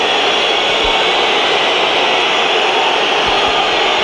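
A football stadium crowd whistles at player Rafael Leão as he comes onto the pitch in the second half, a loud, continuous wall of shrill whistling blended with crowd roar that holds steady for the whole stretch, with no voices standing out.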